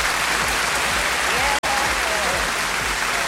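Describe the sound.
Steady, dense applause from an audience, loud and continuous for a few seconds with a brief cut in the middle, and faint voices mixed into the clapping.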